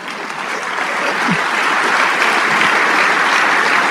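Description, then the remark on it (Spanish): Steady, loud applause from a large crowd, dedicated to the King of Kings: a dense continuous patter of many hands clapping at once, sustained evenly throughout with no voices standing out. “Sí, ese aplauso es para el Rey de Reyes.”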